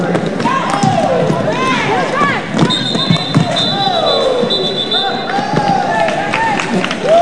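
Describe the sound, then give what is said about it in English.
A loud crowd at a women's roller derby bout roars and shouts continuously as players hit hard and crash to the ground; sharp thuds and skate impacts punctuate the din, with a high whistle tone sustained briefly in the middle. “Every player that crashes to the ground draws emphatic cheers.”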